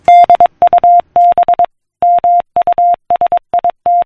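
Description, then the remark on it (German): Steady electronic beeps at one pitch, broken into short dots and longer dashes with brief gaps between letter groups: a Morse code message sent by telegraph, tapped out crisply and loudly, with no voices. “So tönt es, wenn Menschen von der einen Seite des Planeten eine Morsecode-verschlüsselte Nachricht via Telegraph auf die andere Seite des Planeten übermittelten.”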